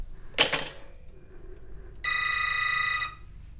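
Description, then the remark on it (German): A short sharp clatter, then after a pause a telephone rings once, a bright, rapidly trilling tone lasting about a second before stopping. No one speaks. “Na, dann lass es klingeln.”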